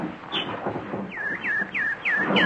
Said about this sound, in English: Hello, pretty nightingale. Don't you want any seed? No? You just want to sing. Go ahead, you beautiful thing. Sing your little heart out.